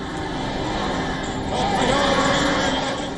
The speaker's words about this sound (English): At the funeral, familiar chants of "Death to America" echoes through sections of the crowd.